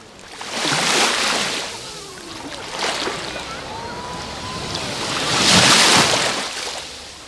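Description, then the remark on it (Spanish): Mediterranean Sea waves break on the shore, with two large foaming surges and a smaller one between them, then a steady hiss of wash receding over the sand, recorded with the microphone aimed at the shoreline. “Cuando orientamos el micrófono a el rebalaje, así suena hoy el mar Mediterráneo.”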